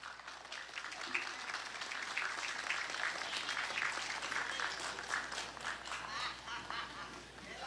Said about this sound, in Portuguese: Foi a homenagem à pátria da Brigada Militar de Garibaldi. Vamos aplaudir!